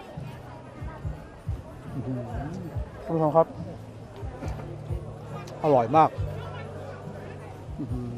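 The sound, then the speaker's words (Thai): Steady hubbub of the busy outdoor Na Kluea walking street food market in Thailand, about 1 km of food stalls with performances and seating, with overlapping chatter and bustle all around, while a man talks over the crowd noise. “ถนนเดินกินถิ่นนาเกลือเนื่องจากของกินที่หลากหลายอร่อยด้วยสะอาดด้วยราคาไม่แพงยังมีการแสดงมีที่นั่งให้ทาน”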